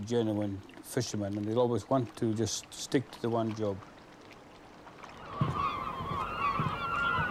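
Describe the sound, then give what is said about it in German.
Loud, harsh calls of many gulls circling a fishing boat burst out in quick repeated cries, then fade into the rushing wash of water and a low engine rumble. “Weshalb umkreisen plötzlich auffällig viele Möwen das Boot?”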